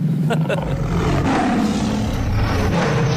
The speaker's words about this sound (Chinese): 什么声？ 我手机的彩铃，老虎的叫声。